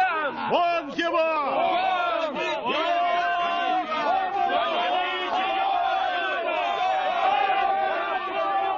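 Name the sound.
angry crowd shouting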